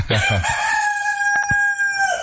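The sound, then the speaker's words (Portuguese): A rooster named Madruguinha crows once, loud, its long cock-a-doodle-doo holding a steady pitch before trailing off, with no one speaking over it. “Canta, seu Madruguinha, vai que eu tô podendo ir aí perto de tu, não.”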